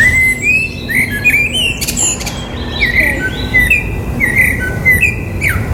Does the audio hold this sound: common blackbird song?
yes